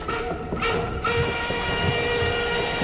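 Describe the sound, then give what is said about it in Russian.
A moving freight train car, a cattle wagon with roughly planed wooden boards, rumbles steadily and loudly, with a continuous metallic whine and squealing tones riding over the low clatter of the wheels. “Вагон-то не для людей, для скотины.”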